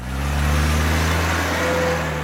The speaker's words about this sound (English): Because at Michelin, we innovate by creating acoustic technology designed to reduce noise from the road inside your vehicle.